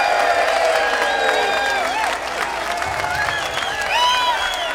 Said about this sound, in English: put our hands together and give Mr. Keith Strauss a great round of applause